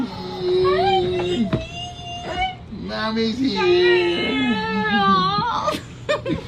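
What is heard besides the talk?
baby crying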